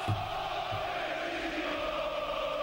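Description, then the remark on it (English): A football stadium crowd at an Egypt versus Argentina match cheers for the Egyptians in a steady, unbroken roar, a dense wash of many voices holding the same level throughout, with a couple of dull low thumps near the start. “But Rodrigo de Paul, it's a cheering for the Egyptians.”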